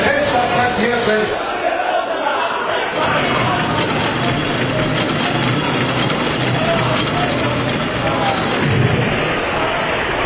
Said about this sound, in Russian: Взгляните на мгла, какая толпа на набережной. Нас встречает.